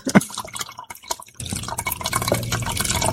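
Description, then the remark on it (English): A few scattered drips and splashes, then the rest of a pineapple ginger drink pours steadily into a container for a couple of seconds, a continuous gurgling stream with no talking. “Pour the rest of it in there.”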